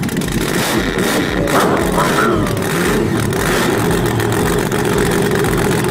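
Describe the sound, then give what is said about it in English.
A voice imitates a remote control monster truck, producing a loud, continuous engine growl with brief whining revs rising over the buzz for several seconds. “Call and give your best impression of a remote control monster truck.”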